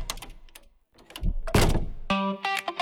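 A heavy Eurosegur armored door from Accor System Puertas Acorazadas swings and shuts with a solid thud, followed by a bright ringing tone as it locks into place; no one speaks.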